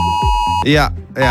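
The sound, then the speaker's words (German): A steady electronic warning tone from a mobile phone emergency alert, sent at 11 a.m. on Germany's national warning day, drones loudly throughout, with short bursts of voice breaking over it. “Das heißt, um 11 Uhr klingeln eure Handys und geben diesen Sound hier ab.”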